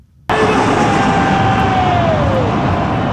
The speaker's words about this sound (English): Video shows the pair of Embraer planes passing overhead before a rugby game between South Africa and New Zealand, attended by some 56,000 people. A flight tracking service says one of them passed less than 50 feet above the stadium's roof.